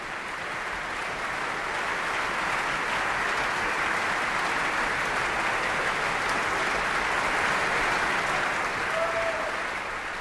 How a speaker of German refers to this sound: Viel Applaus für die Sängerinnen und Sänger, den Dirigenten und das Festspielorchester.